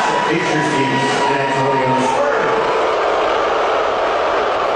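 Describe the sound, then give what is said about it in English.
A large arena crowd at an NBA Finals game reacts with a loud, sustained roar of many voices when President Donald Trump's face is shown on the Jumbotron. Drawn-out vocal tones stand out early on, then blend into a dense, continuous wash of noise. “And when the president's face was shown on the Jumbotron...”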